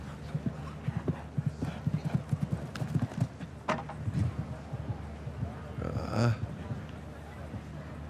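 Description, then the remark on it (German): Rhythmic hoofbeats of a show-jumping horse, a Cornet Obolensky offspring whose dam's sire is Kidam de Revelle, clip-clop steadily, moderately loud, with a brief whinny-like burst near the end; a voice talks faintly underneath. “Diesem, Halleluja-Pferdchen hier, Mutter, Vater ist Kidam de Revelle, da kommt einiges zusammen.”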